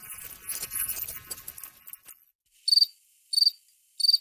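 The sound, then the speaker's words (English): Crickets chirping: a brief stretch of scratchy, jumbled noise gives way to three sharp, high, loud chirps, spaced evenly about half a second apart. “In Asia, cricket fighting was something that people gambled on, where they would get the crickets all riled up by, you know, tickling with a feather and then have them fight each other.”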